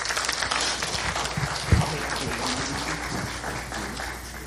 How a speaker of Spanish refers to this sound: Un aplauso a este graduado, tremendo joven.